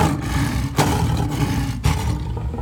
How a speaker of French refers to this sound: il fut devenu un lion grand et fort, dont le rugissement retentissait à travers toute la savane, il sortit enfin de sa cachette.